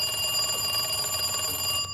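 A telephone rings with a bright, continuous electronic trill of stacked steady tones, fairly loud, cutting off just before the end with no voices present.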